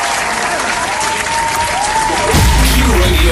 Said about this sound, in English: We'll give you a cheer. We will give you a cheer for your birthday.